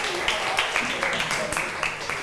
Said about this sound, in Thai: ขอบคุณกลุ่ม5ค่ะขอเสียงปรบมือให้ทั้ง2กลุ่มค่ะ